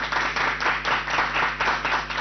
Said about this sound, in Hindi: बच्चों आपको कैसा लगा? अच्छा लगा ना, तो तालियां तो बनती है ना।